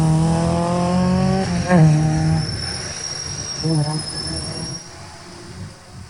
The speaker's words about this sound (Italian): Intanto continuiamo a vedere le immagini dello shakedown, cioè se ci sono vetture in partenza io farei sentire anche proprio il suono dei motori.